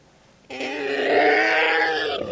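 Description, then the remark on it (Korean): A monster, tearing at its head with both feet, lets out a loud, sustained roaring howl that erupts suddenly and holds steady for about two seconds, harsh and growling with a rising, strained quality, alone. “괴수는 양발로 머리를 쥐어 뜯으며 울부짖기 시작했다.”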